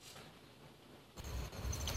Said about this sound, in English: Outside in the moment, so don't mind. I hear crickets. Grasshoppers. Yes. Yep, crickets.